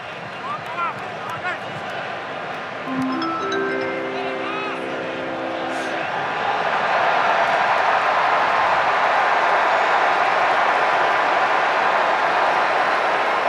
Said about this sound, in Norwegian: Jeg innrømmer at jeg er usikker på hva det jubler så voldsomt for. Kanskje rett og slett at det kom en beskjed om at USA har tatt ledelsen.